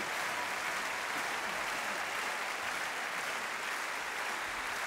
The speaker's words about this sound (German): Nochmal einen großen Applaus für diese unglaubliche Aufführung aus Aserbaidschan. Dankeschön für unsere Gäste. Dankeschön.